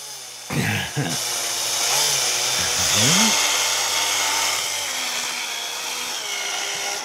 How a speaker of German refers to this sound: So, jetzt haben wir das Loch in die Gurke gebohrt.